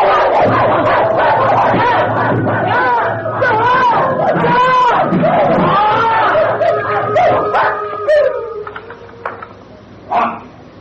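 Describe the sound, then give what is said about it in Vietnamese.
A pack of dogs barks loudly all at once, the overlapping yelps forming a dense, continuous din that thins out near the end, leaving a few scattered barks. “Chó sủa nhiều lắm thấy không?”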